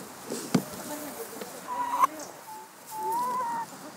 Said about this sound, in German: Verdauungsspaziergang durchs Hühnergehege.